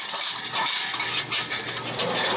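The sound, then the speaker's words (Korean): A meat slicing machine in a kitchen thinly slices boiled, cooled pork for gukbap (pork soup); the semi-automatic machine is worked by hand. It runs steadily, giving a continuous motor hum with a hissy, whirring edge and faint metallic clatter that swells and dips slightly. Nobody speaks. “여기에 고기 쓰는 기계, 고기 얇게 쓰는 기계, 국밥용 기계로 나온 거예요.”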